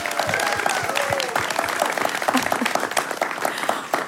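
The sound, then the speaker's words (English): A crowd applauds steadily, with dense, fast clapping that stays at an even, fairly loud level throughout, sprinkled with a few scattered whoops and cheers. “How about a round of applause to let them know you're really here?”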